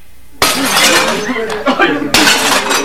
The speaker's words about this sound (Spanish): La camioneta se clavó en una pequeña loma en medio del estruendo de los disparos y los gritos. La banda de Quail descendió de los jeeps y los hombres se formaron en un medio arco y comenzaron a destrozar los cristales a cachazos.